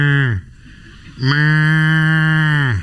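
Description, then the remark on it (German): Two loud animal calls with a sheep-like bleating quality, made by someone claiming to be a sheep: a brief cry followed by a longer, steady drawn-out one, with no talking. “Er behauptet, er wäre ein Schaf.”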